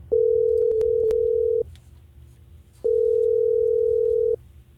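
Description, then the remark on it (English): Two long, steady electronic ringback tones, each about a second and a half, separated by a pause, as the Hot 104.9 radio show in Tallahassee places an outgoing phone call to a listener. A few faint clicks occur during the first tone. “So we've got him ringing right now, and we're going to see if he'll answer.”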